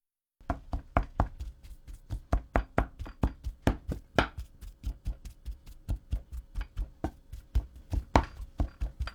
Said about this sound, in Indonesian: Setelah itu, masukkan lagi potongan ubi ke dalam panci dan haluskan ubi selagi masih panas.